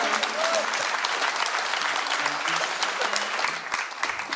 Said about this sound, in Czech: Prosím, velký potlesky pro ně.